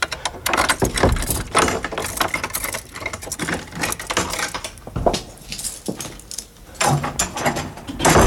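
Keys jangle and metal clicks as a lock is worked, followed by the creak and knock of a heavy door of George Sand's house at Nohant being opened, with no voices.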